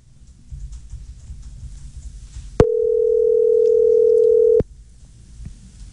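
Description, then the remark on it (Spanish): A telephone dial tone as another number is dialed on a radio show: one steady, mid-pitched hum that cuts in abruptly with a click, holds evenly for about two seconds, then stops sharply, framed by low rumbling background noise. “Y bueno, marquemos otro número porque Luisa está de racha.”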